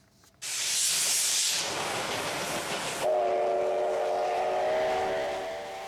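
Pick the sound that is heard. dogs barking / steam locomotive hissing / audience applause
steam locomotive hissing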